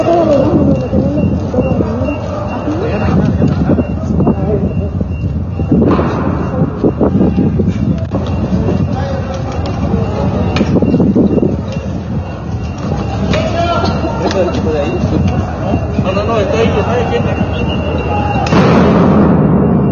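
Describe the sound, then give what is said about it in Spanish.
Dynamite sticks go off in a street protest, several heavy booming blasts at irregular intervals rising over a continuous rumble of crowd noise and voices. “Si ustedes escuchan el sonido de fondo, aún se está haciendo el uso de cachorros de dinamita.”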